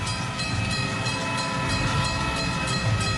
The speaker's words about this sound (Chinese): 火车通过成渝铁路最长的隧道，穿过大山，进入成都。